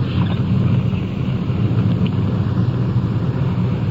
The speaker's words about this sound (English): Here we are. Pulling into the drive.